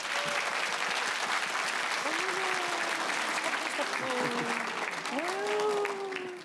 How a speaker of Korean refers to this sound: 오늘 어떤 국악계 꿈나무가 찾아왔을까요? 여러분 큰 박수로 맞아주시죠.